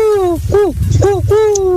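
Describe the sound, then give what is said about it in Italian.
A person imitates an owl's hoot with a short series of breathy, wavering voiced hoots into the microphone, with a low rumble underneath. “Madonna, ragazzi, che gufo sfigato.”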